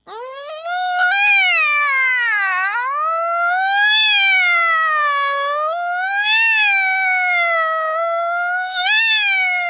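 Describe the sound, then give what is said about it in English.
A cat, Itty Bitty, gives a drawn-out, yowling meow that rises and falls in pitch without a break for nearly ten seconds, loud and nasal, with no talking. It is howling at a firehouse alarm. “The firehouse dog howls, oh, oh, oh, oh, an itty bitty howls, meow, meow.”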